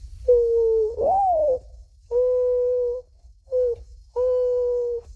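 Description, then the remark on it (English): A 12-year-old whistles or hoots an imitation of a mourning dove: a rising, sliding first coo followed by three steady, mellow hoots, one noticeably shorter, clear with a faint low hum beneath. “First, the mourning dove.”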